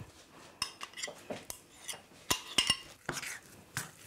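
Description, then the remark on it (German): A spoon scrapes and clinks repeatedly against a bowl while thick peanut-paste dough is stirred by hand without a mixer, with uneven knocks and scraping strokes and no talking. “Ja, jetzt wird das eigentlich schon zu einem glatten Teig. Ne? Braucht man eigentlich keinen Rührstab für oder keinen Mixer.”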